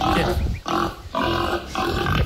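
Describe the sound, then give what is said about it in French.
A pig grunts repeatedly in loud, rough bursts, four or so harsh snorting grunts in quick succession with short gaps between them. “Non, ça c'est un cochon.”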